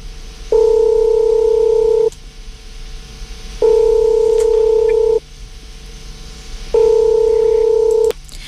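A telephone line tone plays as a call goes through to a coworker who is having a birthday: three steady, loud beeps of about a second and a half each, separated by equal pauses, over faint line hiss.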